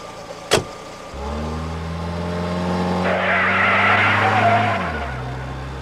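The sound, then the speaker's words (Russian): A car's tires squeal in a long, loud, high-pitched screech as the car is driven fast through a turn in town, with engine noise rising underneath, after a sharp thump at the start. “Эй, Майк, ты это того, полегче на поворотах.”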